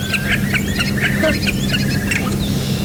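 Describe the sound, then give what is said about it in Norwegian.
A starling sings a busy run of chirps, whistles and squawky notes, mimicking other birds including a curlew and a crow, repeating in quick bursts over a steady low rumble. “Og i den lyden som vi hørte nå, så hørte jeg stor spov, den og jeg hørte kråke, og jeg hørte masse andre kopier av fugler”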